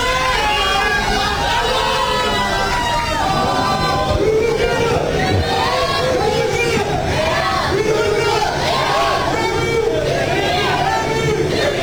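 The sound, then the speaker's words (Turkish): A dense crowd of Turkish football fans with flags chants and cheers together outdoors at a hotel entrance in the United States, greeting the arriving Turkey national football team. The crowd makes a steady, loud hubbub of overlapping shouts with rising and falling vocal swells throughout. “Kafileyi otel girişinde Türk taraftarlar bayraklar ve tezahüratlarla destekledi.”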